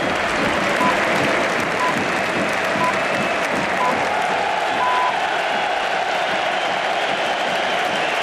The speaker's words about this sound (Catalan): L'ovació per Rodrigo Hernández. Rodri. Quina benvinguda, Rodri.